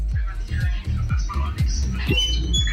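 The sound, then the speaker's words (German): A baker's oven door, opened while bread bakes, squeaks over and over, about eight short creaky squeals in a quick, steady rhythm, each sliding down in pitch, fairly loud against a busy background with a radio playing. “Quietscht ein bisschen dein Ofen.”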